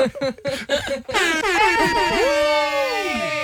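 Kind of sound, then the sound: sound effect, air horn sound effect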